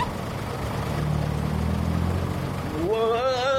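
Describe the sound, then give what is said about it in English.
Ford pickup truck engines rumble at a low, steady idle, then rev up, their pitch climbing in a wavering rise near the end. The sound is continuous throughout. “Them trucks is gonna tow us to our destination.”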